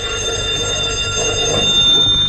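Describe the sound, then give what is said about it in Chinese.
A telephone rings with a loud, continuous metallic bell that holds steady for a couple of seconds over a low background rumble. “喂， 您的电话。”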